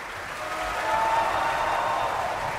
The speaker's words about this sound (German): Und jetzt noch einmal viel Applaus für den finnischen Bass Mika Kaares